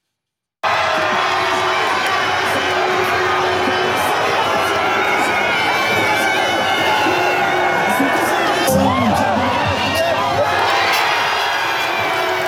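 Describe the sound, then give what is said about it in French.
A large stadium crowd roars and cheers continuously at the final whistle of France's 3-0 World Cup win over Sweden, a dense wall of voices with shouts and whoops, swelling briefly louder partway through before carrying on at full volume. “Ambiance au coup de sifflet final cette nuit.”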